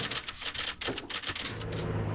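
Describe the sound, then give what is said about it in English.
A dense clatter of 30 typewriters, worked by women typists in a big company, striking keys at once, rapid overlapping clicks, loud and continuous with no voices. “The company has 30 typists, all women. It's a very boring job, and it's very loud. Imagine, 30 typewriters.”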